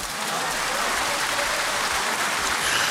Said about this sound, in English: Round of applause for you.